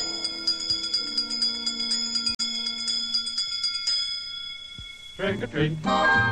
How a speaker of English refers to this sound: Wizards and witches, wherever you dwell, give us a hint by ringing a bell.